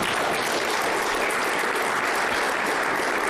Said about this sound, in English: And we would like to commend our men and women in uniform from city police for their continued service despite the challenges they are facing. Can we please give them a round of applause?